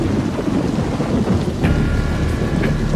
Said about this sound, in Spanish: Diluvia en Buenos Aires. En un rato se hizo de noche y empezó a caer abundante agua. En algunos lugares se registra granizo.